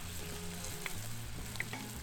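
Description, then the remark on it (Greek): Meat sizzles steadily in a frying pan, a dense crackling hiss with a few sharp pops standing out, moderately loud, with no one talking. “Δείτε, δείτε σαν μπέικον.”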